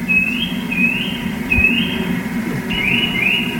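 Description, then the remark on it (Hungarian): A Eurasian nuthatch call played from a bird-sound board at the press of a button: a series of about five clear, rising whistled notes at a steady pace, moderately loud over a low background rumble, with no talking. “Nézzük a csúszkát, én nem is ismerem a csúszkának a hangját, megnyomom.”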